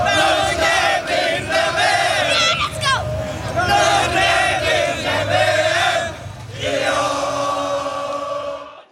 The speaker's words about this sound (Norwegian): Det er ikke bare norske fans i USA som feiret seieren. Over hele Norge var folk ute i gatene og jublet over Norges historiske VM-åpning.